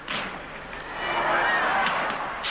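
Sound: fireworks rockets exploding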